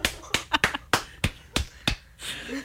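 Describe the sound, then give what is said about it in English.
A quick run of about eight sharp, loud hand claps right up against the microphone, spaced unevenly with no talking, ending in a brief rustle. “Oh, clap on the microphone.”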